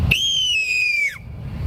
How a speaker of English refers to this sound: First, we get the barn owl.